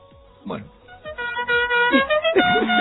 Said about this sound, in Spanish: Está tocando la bocina el móvil.